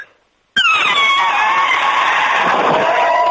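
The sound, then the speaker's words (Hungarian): A person imitates an elephant's trumpet by drawing in a lot of air and pressing the lips together: after a brief silence, one loud, brassy, blaring call bursts out and holds for about three seconds, its high pitch sliding slightly downward with a raspy edge. “Hozd az elefántot még egyszer”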